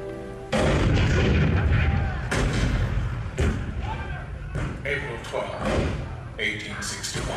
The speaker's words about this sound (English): April 12, 1861, Fort Sumter. The cannon spoke for war. Bitter, violent, and devastating.